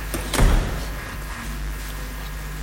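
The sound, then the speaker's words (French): The door of a first airlock giving access to an animal facility opens with a short, heavy thump and rush of air near the start, then a steady low ventilation hum carries on with no talking. “Ça, c'est un premier sas où là, il y a une porte pour accès à l'animalerie, donc là où les animaux sont logés.”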